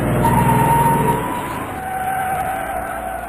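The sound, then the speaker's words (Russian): A large truck carrying stones brakes hard to a jerking stop on a dusty road, its brakes screeching with a loud, sustained high-pitched squeal over a heavy low rumble, easing slightly after the first second but continuing steadily to the end. “Раздался скрежет тормозов.”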